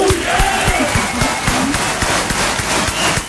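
An audience breaks into steady, loud applause with scattered cheers and whoops rising over the dense clapping, which stays at an even level throughout.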